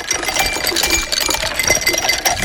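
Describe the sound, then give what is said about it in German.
Ice cubes clink and rattle against each other in a steady, busy jostle, fairly loud, with bright glassy ticks scattered throughout and no voices. “kannst du die Eiswürfel bitte nochmal?”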